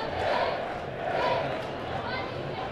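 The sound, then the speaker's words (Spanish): A stadium crowd at Vallecas shouts continuously against the president of the board of directors, a dense roar of many voices rising and falling in waves without any break. “Sí, sí, son gritos continuos los que van en contra del presidente del Consejo de Administración.”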